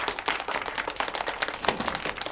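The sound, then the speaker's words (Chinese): A crowd applauds steadily to welcome an expert professor sent from Beijing, many hands clapping in a dense, unbroken patter at an even loudness for a couple of seconds, with no one speaking over it. “大家先不要鼓掌”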